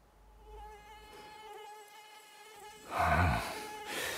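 A thin, high mosquito whine lasts throughout, growing louder and harsher in the second half, then dips and returns.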